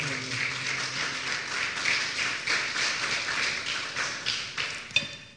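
A church audience applauds the Lord steadily, a dense, crackling wash of many hands clapping at an even loudness for about five seconds before it quickly fades out after one sharper clap.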